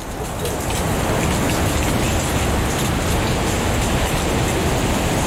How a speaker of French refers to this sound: Le bruissement du vent fait tomber les feuilles.